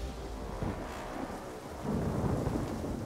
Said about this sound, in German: Die Ereignisse überschlagen sich, das Wetter schwenkt um. Starkregen, Steine, Hagel prasseln auf die Helfer nieder.